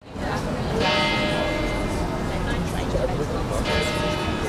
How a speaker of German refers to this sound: Im Servitenviertel im 9. Wiener Bezirk läuten die Kirchenglocken zur Spätnachmittagsstunde.